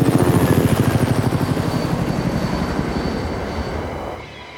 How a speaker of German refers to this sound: Zoe hört plötzlich den Hubschrauber.